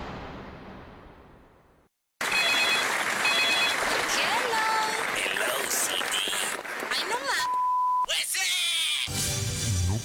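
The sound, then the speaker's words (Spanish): A telephone rings in two short, trilling bursts amid a loud, dense jumble of sound effects and noise, followed by a couple of electronic beeps. “Es el teléfono, porque la próxima víctima podría ser tú.”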